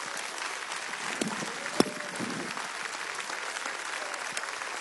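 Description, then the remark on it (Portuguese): An audience in a Portuguese-language church service claps its hands to glorify God in a dense, steady wash of applause that holds level throughout, with one sharper, louder clap standing out near the middle. “Pode glorificar Deus com as suas palmas.”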